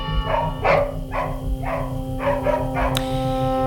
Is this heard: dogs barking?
yes